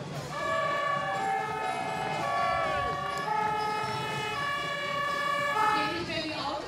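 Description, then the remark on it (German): A fire engine siren of the Freiwillige Feuerwehr Buchholz, a guest club in a parade, blares loudly and continuously. Its bright, harmonic tones hold steady and then slide between pitches, with a low rumble and faint voices underneath. “Nicht zu überhören.”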